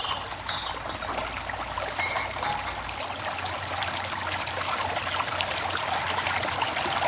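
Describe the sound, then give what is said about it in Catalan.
Water pours steadily into bottles being filled, a continuous splashing trickle with a hollow gurgle, heard alone for several seconds with no talking. “Anem a emplenar les ampolles.”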